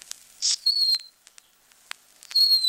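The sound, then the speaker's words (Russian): A bird-call whistle imitates a nightingale to lure the bird: a hissy burst, then two sustained high piping whistles separated by sharp clicks and chirps, clear, with no talking. “Вот так бывало первого соловья поймать только вот таким свистком.”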